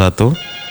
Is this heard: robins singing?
no